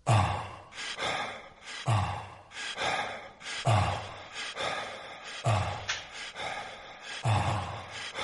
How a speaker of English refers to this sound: Someone breathing. It sounds like ….